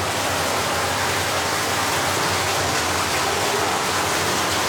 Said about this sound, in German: Hier hinter der Tür ist dann das Wasser, was aus Tschechien kommt. Das ist aber jetzt sehr laut.